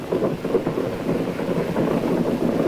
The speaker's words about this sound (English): Hot tracer lines are coming up almost all around us, off the stern and off the side toward the French coast. Flares are coming down now. You can hear the machine gunning.